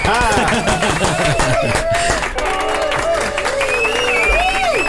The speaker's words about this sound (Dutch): Dan gaan we hem weer een vibes applaus geven, want hij is natuurlijk live bij ons.